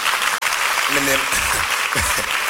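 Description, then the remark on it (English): A crowd claps for Jesus steadily in a dense, continuous wash of applause, with a few voices briefly calling out over it. “Me nim sadie na pa clap for Jesus.”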